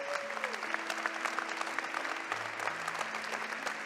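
A crowd applauds steadily for a woman and her husband being called up to the stage, a dense wash of clapping hands that holds at an even, fairly loud level throughout, with a few faint sustained tones humming underneath.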